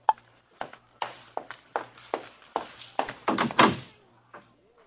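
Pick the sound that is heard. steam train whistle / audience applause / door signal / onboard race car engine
door signal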